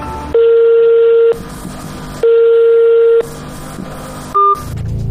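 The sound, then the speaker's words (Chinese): A steady telephone ringback tone sounds twice in long, even bursts over faint noise, followed by a short higher beep as the call goes unanswered. A reporter is calling a learning-machine manufacturer's customer service hotline, a company in Dongguan, Guangdong, on a mobile phone. “记者也用自己的手机拨打了这一服务热线，电话拨通了，却无人接听。”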